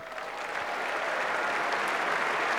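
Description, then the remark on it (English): Sustained applause from the crowd on Centre Court at a gentlemen's singles tennis final presentation, applauding the chair umpire. A dense, steady wash of clapping holds at a fairly loud level throughout, with no voices standing out. “Applauded by both players and by everybody on centre court.”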